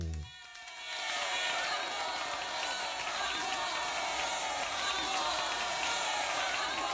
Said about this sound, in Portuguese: Palmas para os profissionais da educação!